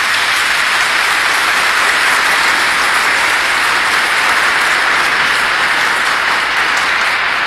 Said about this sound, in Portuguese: Nossa Senhora merece uma salva de palmas de todos nós.